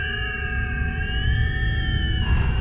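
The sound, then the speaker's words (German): In the evening, wind howls outside through the ventilation shaft of a hut dug into the snow, a steady, mournful moan whipping loose snow over the roof, its tone gliding slightly upward and back over a constant low rumble, with no voices. “Draußen heult der Wind auf. Ein monotones, klagendes Geräusch, das unablässig durch den Lüftungsschacht dringt und den lockeren Schnee wie feinen Sand über das Dach der eingegrabenen Hütte peitscht.”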